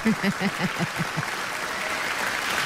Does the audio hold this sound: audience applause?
yes